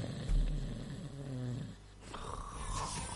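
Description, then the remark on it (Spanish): A single loud snore: a low rattling inhale lasting over a second, followed by a higher whistling exhale, with no one talking. “Van a estar roncando por todos lados.”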